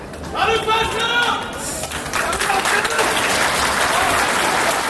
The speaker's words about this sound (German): Vielleicht auch eher ein halbes Fußballfeld, aber als dann die ersten Angeklagten den Gerichtssaal betreten, heftiges Winken und Namenrufen von einem Ende des Saales zum anderen, jeder Inhaftierte erhält seinen Applaus.